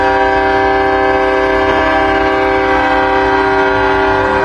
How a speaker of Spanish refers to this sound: También se hizo presente el Cuerpo de Bomberos en el desfile de independencia en sus camiones cisternas, con el característico sonido de su sirena.